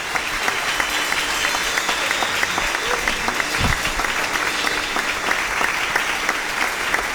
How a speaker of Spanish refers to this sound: Fuerte ese aplauso, hermanos. Gloria a Dios.